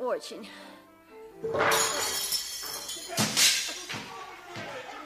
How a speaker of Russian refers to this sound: Да что ты с этой рыбой? Вы меня там всю посуду перебьете.